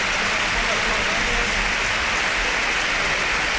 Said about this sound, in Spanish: Los campos de sport del Sardinero que se han volcado con Aitor Mañas, ahora se vaya en camilla el terreno de juego y ahora, mira, así suena el Sardinero, que le aplaude todo el mundo.